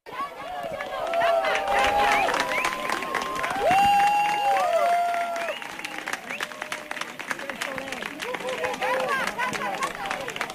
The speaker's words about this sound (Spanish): Con un aplauso dieron la bienvenida al eclipse los conquenses y turistas que eligieron Cuenca Capital para ver este fenómeno.